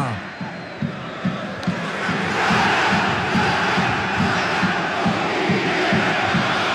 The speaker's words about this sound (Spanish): así gritan los hinchas del Capo en Rancagua.